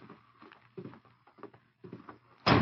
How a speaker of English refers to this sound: As Dutch swung open the door, the Lone Ranger moved fast from his position on one knee, knocking Dutch's gun arm with his left hand.